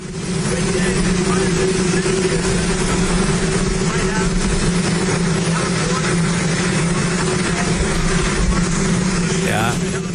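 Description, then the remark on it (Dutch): The US government helicopter Marine One warming up during Trump's ribbon-cutting ceremony at the White House, in official White House footage, fills the whole stretch with a loud, steady drone and a constant low hum, while indistinct voices talk underneath, mostly buried by the noise. “Ja, helaas niet te verstaan, omdat op de achtergrond de regeringshelikopter Marine One aan het warmdraaien is.”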